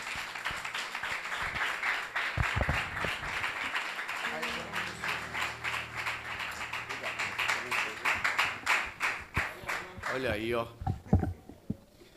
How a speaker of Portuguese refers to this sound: Vamos aplaudir Jesus e receber o servo de Deus.